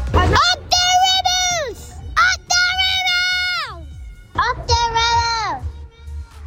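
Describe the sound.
Several children, out getting free ice creams, shout and cheer together for the Rebels in three long, high-pitched bursts, their voices rising and then sliding down, with brief gaps between each loud yell.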